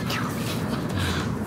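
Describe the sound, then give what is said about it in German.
Gulls call a couple of times over a steady low rumble of outdoor background noise in a city in sunny weather, their cries fairly faint. “Die Möwen.”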